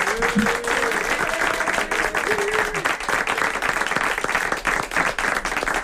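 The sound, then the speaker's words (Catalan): Sustained applause from the studio audience of the Catalan radio show Tu diràs, a dense steady wash of many hands clapping at full volume, with a few faint tonal whistles or voices rising briefly through it. “Molt ben enllaunats, eh, aquests aplaudiments de tot el públic.”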